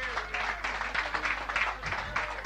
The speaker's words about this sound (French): Je voudrais qu'on applaudisse bien fort toute l'équipe de Radio Chevauchoir, les amis.